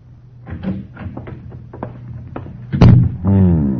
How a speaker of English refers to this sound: As the door to the living room opened and another man approached, he looked up from the cards.